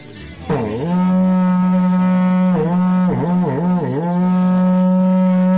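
A berrante cattle horn blows one long, loud blast on a live radio programme, a deep buzzing drone that dips and wavers several times in pitch before holding steady, with no voices over it.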